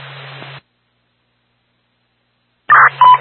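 A short burst of radio static cuts off into silence, then loud, steady paging tones come over the radio in two quick bursts, clear, with a faint hiss underneath.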